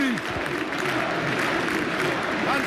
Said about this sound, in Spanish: Y el público, escuchad cómo rompen aplausos.